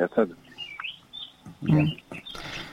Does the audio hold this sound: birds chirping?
yes